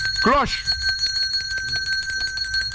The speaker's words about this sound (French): Cloche!